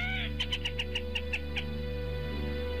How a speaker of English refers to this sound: The black rail, Lateralis jamesensis, today's Talkin' Birds featured feathered friend.